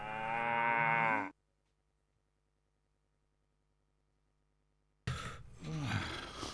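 A cow moos loudly, with a long low drawn-out call, then about four seconds of silence before a second throaty moo begins.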